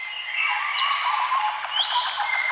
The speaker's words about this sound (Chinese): 鸟鸣，溪流，森林，草原，大海。